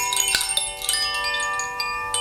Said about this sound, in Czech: Zvonkohra, kterou používáme při meditacích a je vyrobená podle Da Vinciho zlatého řezu